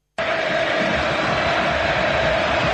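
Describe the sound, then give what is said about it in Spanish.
A stadium crowd at the Nuevo Gasómetro erupts in a loud, sustained ovation for Rubén Insúa, the new coach, a dense roar of cheering that starts abruptly and holds steady throughout, with a faint held tone running through the noise. “Escuchá cómo lo recibían en el nuevo gasómetro.”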